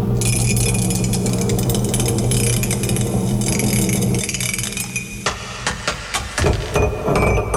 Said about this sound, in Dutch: Oh. Laat ik bijna die mok vallen.